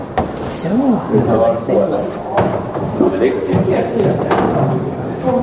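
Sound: door being closed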